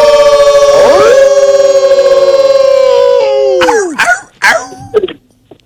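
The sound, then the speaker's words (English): A loud, drawn-out wolf howl imitated by a human voice from Virginia rises, holds steady for about three seconds, then slides down, followed by a few short, sharp yelps before it cuts off. “One of our mighty favorites is the Mighty Wolf in Virginia. We always bring him in respectfully in 3, 2, 1.”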